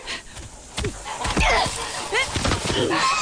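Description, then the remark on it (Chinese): Several harsh, nasal goose honks sound in irregular bursts from a goose with a group of goslings being chased away from seedlings, mixed with scuffling thumps and rustling, with no talking. “坏大鹅，你叫叫你叫，就你大手叫那些小鹅仔住嘴。”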